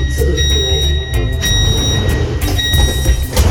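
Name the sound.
train doors sliding shut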